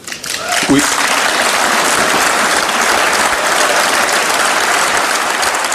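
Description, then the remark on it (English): A large audience in the European Parliament in Strasbourg, France applauds a speech by Canada's Prime Minister, a dense, sustained wash of clapping that rises quickly and holds at full strength throughout. “Prime Minister Mark Carney getting applause in Strasbourg, France this morning.”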